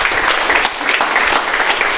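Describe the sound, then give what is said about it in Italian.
A crowd gives applause of encouragement, clapping steadily in sustained, dense applause, a bright continuous patter of many hands with no pauses and no voices standing out. “ti facciamo un applauso di incoraggiamento.”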